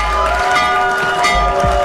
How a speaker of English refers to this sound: That's the Wall Street opening bell. Normally, it's at the New York Stock Exchange, but for the first time ever yesterday, the bell rang out in the Oval Office of the White House.